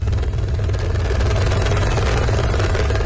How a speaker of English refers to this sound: A rescue chopper hovers above the valleys of Nepal's northern Rasuwa district. There is no safe place to land after floodwaters washed away entire villages.